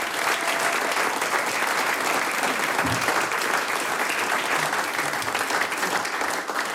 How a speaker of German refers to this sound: Applaus für den gemischten Chor Bad Leupersdorf.